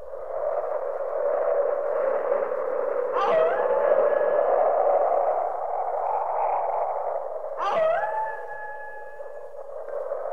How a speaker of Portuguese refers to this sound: Aqui tamo eu e você no meio da ventania e dos lobos uivando.